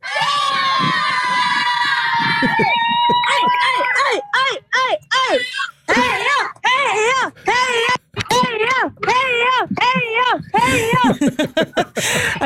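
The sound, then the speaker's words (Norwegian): A group of voices, including children, cheers and shouts "Heia!" together for passing runners, loud, with rapid rhythmic chanting bursts that rise and fall over several seconds. “Som dere hører, så skal dere ikke stå på heia-rop.”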